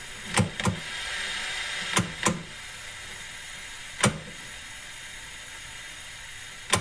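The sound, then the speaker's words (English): Sharp, chunky clicks of an old television's channel dial being turned by hand to change channels, mostly in quick pairs with pauses between, over a steady bed of static hiss that keeps running throughout. “That's a TV changing channels.”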